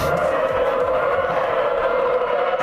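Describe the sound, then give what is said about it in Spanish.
A trainera, a racing rowing boat, cuts through the sea during free training sessions in Euskarrin, making a loud, steady rushing drone from the hull sliding on the water that sounds almost like an engine, with oar strokes against the water blended into the continuous whoosh. “que es el roce. Remo contra agua, casco contra deslizándose contra el mar.”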